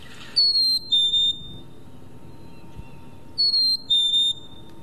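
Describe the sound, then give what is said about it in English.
A black-capped chickadee sings its clear two-note whistled song, a higher pure tone dropping to a slightly lower one, repeated twice with a pause between phrases over faint background hiss. “So if I play the sound of a black-capped chickadee and then I'll play a sound of a white-throated sparrow”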